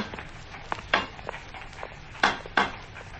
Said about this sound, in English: Well, what are you banging the pavement for?